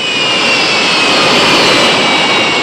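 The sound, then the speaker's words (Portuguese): A jet airplane roars loudly and steadily as it takes off, a dense rushing engine noise topped by a high, thin turbine whine, with no voices. “Carlão acabou de decolar, né?”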